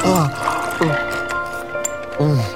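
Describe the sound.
Ice water is poured into a glass in a few short splashes, with ringing, gliding tones and a faint clink, while a voice murmurs in the background.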